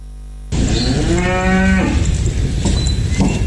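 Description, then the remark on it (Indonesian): A one-ton Ongole crossbreed cow named Mbah Iran, from Pleret, Bantul, Yogyakarta, chosen as the sacrificial cow of President Prabowo Subianto, lets out a single long, low moo, rising and holding for about a second before trailing off, over steady outdoor background noise with no talking. “Berbobot 1 ton dan berjenis peranakan Ongole, sapi asal Pleret Bantul Yogyakarta terpilih menjadi sapi kurban Presiden Prabowo Subianto.”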